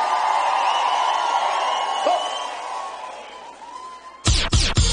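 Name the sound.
applause and cheering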